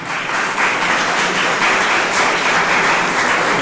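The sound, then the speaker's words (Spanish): An audience breaks into loud, sustained applause, a dense steady roar of many hands clapping with no pause, holding strong from start to finish. “Denle un aplauso poderoso.”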